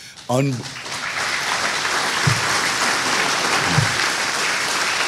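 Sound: audience clapping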